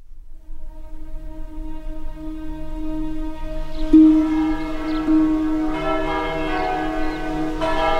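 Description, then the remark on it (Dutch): Church bells ring steadily in the distance in Dadizele, a West Flemish village. Their layered, sustained tones overlap and swell slightly louder midway, with a faint low rumble underneath and no voices. “Klokken luiden in de verte.”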